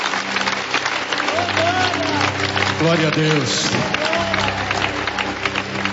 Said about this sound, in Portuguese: com aquelas palmas bonitas para Jesus.